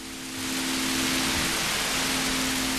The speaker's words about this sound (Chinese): 哎，最后这一段呢，就是去掉打雷的这个声音，你听他下雨的这个声音。